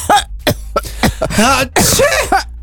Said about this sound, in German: Husten, bei euch auch schon die ersten Kollegen, einige Erkältungen sind ja bereits im Umlauf.